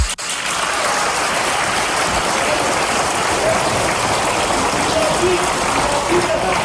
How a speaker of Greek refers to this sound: Χειροκροτάει και τον εαυτό της.